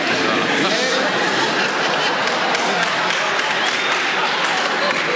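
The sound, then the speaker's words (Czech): Dense, steady applause from an audience fills the whole stretch, a continuous wash of many hands clapping with a murmur of crowd voices mixed in. “Ne, dokonce potlesk, ano.”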